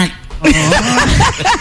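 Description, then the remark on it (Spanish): A voice makes a quick run of nasal, duck-like quacking sounds, fairly loud, several short squawks in a row with a giggly edge. “Como un pato.”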